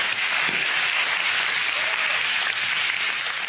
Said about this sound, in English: I want you to know that hell hears it. And in simultaneous chorus, as we are clapping to God in triumph, Hell is understanding that they have been defeated by the blood of Christ.